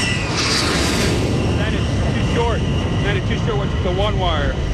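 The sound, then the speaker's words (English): An F-14 Tomcat fighter jet landing short on an aircraft carrier deck and catching the one wire, heard as a loud, steady engine roar that fills the whole clip, with faint radio-like voices talking over it partway through. “115, Tomcat ball, 8.0. Roger, ball, 28 knots, down the angle.”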